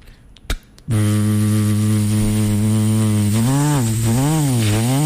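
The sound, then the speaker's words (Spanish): A brief click, then a barber's electric hair clipper, played as a sound effect, switches on with a loud, steady low buzz that wavers and dips in pitch a few times toward the end, with no one talking. “Cambio, hay otros que cogen y prende la máquina. Sonido, por favor, efectólogo.”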